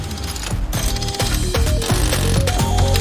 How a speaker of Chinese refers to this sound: 身上，超能扳手机械臂启动。